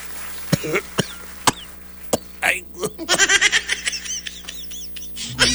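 A loud coughing fit from whooping cough: several sharp, hacking coughs spaced roughly half a second apart, then a rapid string of strained, wheezing, gasping bursts near the end.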